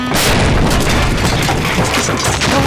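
A loud explosion roars through the whole stretch, a dense, sustained rumbling blast with crackling debris and no voices.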